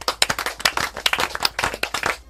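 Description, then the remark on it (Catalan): A group practising gestures for a song claps their hands together in a steady, lively rhythm, the sharp claps repeating several times per second, fairly loud with no talking. “Tercer, picant de mans.”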